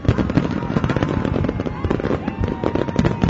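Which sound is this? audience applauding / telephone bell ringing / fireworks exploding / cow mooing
fireworks exploding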